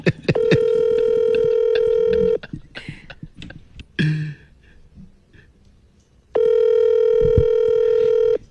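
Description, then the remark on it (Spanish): The ringing tone of an outgoing WhatsApp call: two long, steady, buzzy tones of about two seconds each, separated by a pause filled with faint rustling and soft handling noises. “Otra vez me está rechazando la llamada. Aquí estoy llamando.”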